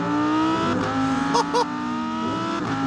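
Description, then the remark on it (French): A naturally aspirated, mid-rear-mounted V10 engine with 610 horsepower, 565 Nm of torque and a very short exhaust revs loud, its harmonic howl climbing and dipping in pitch as the seven-speed dual-clutch gearbox shifts, with two quick sharp bursts near the middle on downshifts. “V10 atmosphérique, 610 chevaux, 565 Nm de couple.”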